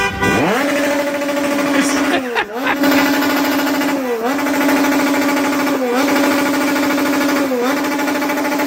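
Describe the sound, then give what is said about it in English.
A motorcycle engine revs loudly and steadily right outside a hotel, revved by Mexican football fans, its whine dipping briefly and climbing back every couple of seconds in a repeating cycle. “either that's a motorcycle or someone is using a drill to try to fix something right outside”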